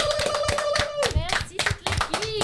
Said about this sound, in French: On t'applaudit très fort.